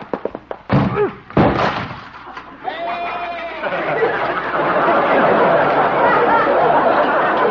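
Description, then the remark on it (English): A goat slams into Doc's door with a few heavy thuds and a splintering crash, breaking it, then bleats, followed by a long stretch of loud, rough clattering noise. “Well, at least Doc will have to get a new door. Maybe he'll have to get a new goat.”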